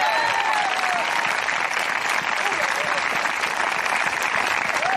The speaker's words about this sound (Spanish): Yo quisiera que usted le diera un aplauso al Señor si es creyente de verdad.